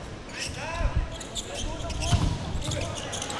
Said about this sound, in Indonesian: Oh, ternyata pantulan bola yang di-spike oleh Rifki Ferianto tidak mampu dikembalikan dengan baik oleh Dava Afrizal.